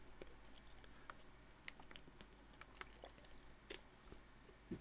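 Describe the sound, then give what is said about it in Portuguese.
Someone takes a quiet sip of a drink, with soft wet mouth clicks, a faint slurp and a swallow over a low steady hum. Nobody speaks. “Peço desculpa só para ver um golinho.”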